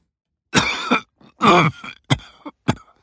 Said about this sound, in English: If you've had a cough for 3 weeks or more, and it isn't COVID-19, don't just ignore it. A cough that lasts for 3 weeks or more could be a sign of cancer.